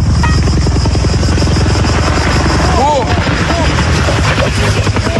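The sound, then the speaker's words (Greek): Loud, rapid thudding of helicopter rotor blades, continuous, with a steady engine whine and some faint background voices partway through. “Αμέσως μετά τη σύγκρουση των ελικοπτέρων Αγκούστα Μπέλ, αποσύρθηκαν βάσει πρωτοκόλλου από το πεδίο όλα τα υπόλοιπα ελικόπτερα ιδίου τύπου που επιχειρούσαν στο σημείο.”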